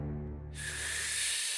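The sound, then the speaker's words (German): A voice imitates a wolf's hard blowing gust: a low breathy rumble swells into a loud, sustained rushing hiss lasting over a second, forceful with no words, as the wolf blows away a reed tent. “Und noch einmal holte der Wolf so tief Luft, dass er das ganze Schilf des Schweinchenschilfzeltes wegblies und es in Stücke fiel.”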